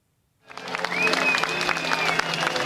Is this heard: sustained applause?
yes